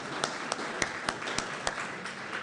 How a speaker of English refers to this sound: Yes, a round of applause.